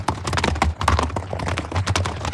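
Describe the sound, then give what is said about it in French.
Horse hooves clip-clop in a steady, brisk rhythm, each hoofbeat a crisp knock over a low, constant rumble, with no voices; a horse being ridden at the top of a huge cliff on a summer evening. “Un soir d'été, alors qu'il se promène à cheval avec Uther au sommet d'une immense falaise, les deux hommes voient un étrange nuage en forme de dragon apparaître à l'horizon.”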